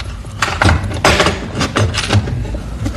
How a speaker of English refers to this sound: Come around to the back here and let's take a final check. Now, plain, ordinary door with the padlock. We unlock it.